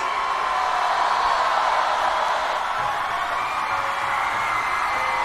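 A crowd applauds and cheers steadily for about five seconds, a dense, loud wash of clapping with a few higher whoops and shouts rising above it, and no one speaking.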